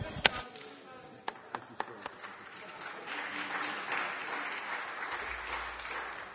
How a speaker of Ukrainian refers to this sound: Я так розумію по аплодисментам в залі, що всі депутати хотіли б, щоб їм особисто відповідали міністр.